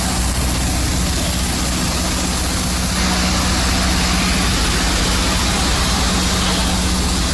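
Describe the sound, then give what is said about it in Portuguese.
A power generator drones steadily throughout, a constant engine hum with deep low rumble and a broad noisy wash, unchanging in loudness, heard from inside a closed car in a parking lot on Rua 7 de Setembro in Caxias, amid unstable electricity supply. “Aí o barulho do gerador, né? Barulho e poluição.”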